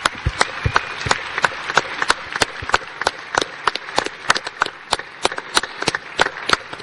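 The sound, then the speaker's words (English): An audience at an Adelaide City football club event applauds, sharp hand claps ringing out in a steady, scattered patter over a faint background hiss, with no one speaking. “Please, let's give a big round of applause.”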